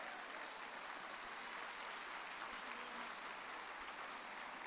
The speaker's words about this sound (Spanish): Un aplauso de verdad al Señor.